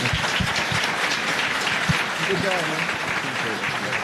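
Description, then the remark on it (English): Steady, dense applause from a crowd for the entire panel fills the whole stretch, loud and continuous, with some cheering and indistinct voices mixed in. “One more round of applause for the entire panel.”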